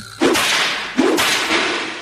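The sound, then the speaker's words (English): Loud, sharp whip cracks, the whip tip moving faster than the speed of sound to make a sonic boom, two distinct cracks about a second apart followed by a softer third, each leaving a brief hissing tail; no one speaks. “The science of whip cracking.”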